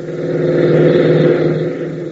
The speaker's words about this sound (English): Ben, Tank, and Gale race into the hangar, reappearing within seconds in a jeep, and race across the field.